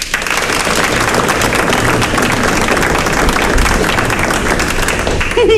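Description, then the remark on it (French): An audience claps and cheers continuously for several seconds in answer to a speaker asking who knows him, a dense, loud wash of applause with scattered whoops, steady throughout. “Par applaudissement, qui ça y connaît à moi?”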